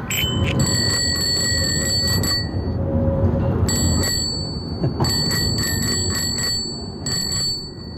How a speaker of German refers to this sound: Das war das Fahrradklingeln.